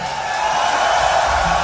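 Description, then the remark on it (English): A loud, dense wash of applause and cheering from a large concert audience in Europe, given in memory of a singer, sustained and steady throughout with no break, filling the whole moment without any speech. “We'd like to take a moment and ask you all to give an incredible roar of applause in memory of the great ….”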